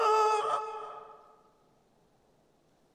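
duck singing badly

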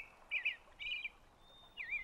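songbird singing

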